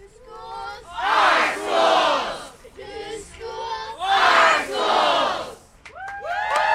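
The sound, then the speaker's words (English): Hundreds at a rally in Portland against Portland Public Schools' plan to close as many as 14 schools chant and cheer in loud, rhythmic waves, voices swelling together in repeated surges with brief dips between them, energetic like an outdoor rally. “In between chants and cheers, students, parents, and teachers spoke to the crowd about how closures would affect the Portland community.”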